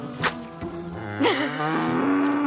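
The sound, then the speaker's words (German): A cow moos in a long, low, drawn-out call that swells and bends upward partway through, steady, with no talking over it. “Warum nennt man eine Kuh eigentlich Mistvieh?”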